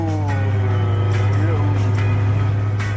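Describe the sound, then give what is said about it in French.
The 2-litre six-cylinder engine of a GT6 sports car drones steadily at cruising revs, holding a constant low hum, with a sliding harmonic tone easing downward midway as the revs drop, under occasional talk. “Tu remarques comme le moteur baisse d'un ton ?”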